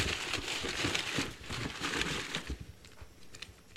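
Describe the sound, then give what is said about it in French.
Continuous crinkling and rustling of many paper draw slips for a ticket giveaway being unstuck and unfolded, with dense crackly bursts that thin out toward the end; no one speaks. “Et là, ben, j'ai essayé de décoller le plus possible les billets. Il y en a pas mal.”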